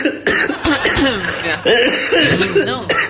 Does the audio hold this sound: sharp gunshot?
no